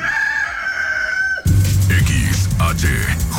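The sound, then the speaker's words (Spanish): A loud rooster crow, played as a sound effect on La Mejor FM radio: a single drawn-out cock-a-doodle-doo with a strong, held harmonic tone, followed by an abrupt switch to a dense, busy burst of sound. “en los controles, apachurra de mi gallo”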